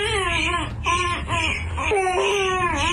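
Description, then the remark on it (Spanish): A baby boy wails loudly, one long continuous cry with a high, wavering pitch that rises and falls in strained bursts over a low background rumble. “el que estaba llorando.”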